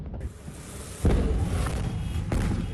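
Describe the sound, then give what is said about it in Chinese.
Over a steady roar of noise, a sudden large explosion booms out with a deep, heavy blast, leaving a rumbling wash behind it before a second, sharper burst near the end. It is a fire at a parking lot in Annan District, Tainan, Taiwan, in the early morning, where buried aluminum and magnesium exploded on contact with water as firefighters fought the blaze. “消防员还以为火势受控，不料突然大爆炸。”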